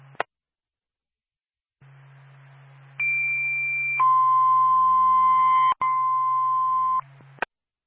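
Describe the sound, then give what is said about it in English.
Two sustained fire department dispatch paging tones from Twin State to Littleton Fire Department, for a fire alarm activation at 646 Union Street, White Mountain Community College: a higher pitch for about a second then a lower one for about three, loud and steady over a low radio hum, with clicks at start and end. “Time of your tone, 1640.”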